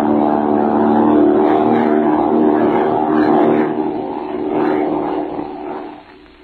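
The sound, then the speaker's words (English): A propeller airplane flown by Bill Thorpe drones steadily overhead, its engine a loud, throbbing hum that swells briefly, eases, then begins to fade away toward the end. No voices are heard. “That was the way the Iron Man Bill Thorpe flew a plane.”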